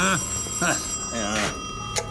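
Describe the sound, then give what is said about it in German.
A telephone bell rings steadily at moderate volume throughout, its bright sustained tone running under short bursts of a person talking. “Das Läuten der Telefonklingel.”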